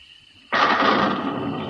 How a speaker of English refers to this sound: What's that? Thunder, Clovis.